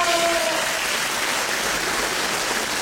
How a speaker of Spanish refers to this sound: Es más, vamos a ponerles aplausos. Aplausos a todos los estudiantes.